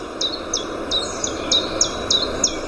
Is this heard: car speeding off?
no